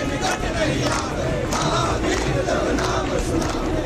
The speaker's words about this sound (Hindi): यहाँ न सिर्फ लोगों की भारी भीड़ है बल्कि दिन रात यहाँ भजन कीर्तन और हनुमान चालीसा हो रही है।